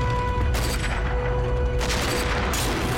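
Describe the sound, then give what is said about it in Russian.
A bundle of grenades thrown onto a tank's engine compartment explodes in two loud, harsh blasts over a steady heavy rumble, the second burst longer and rougher than the first, with no talking; the tank then stops. “Гранаты взрываются, танк замирает.”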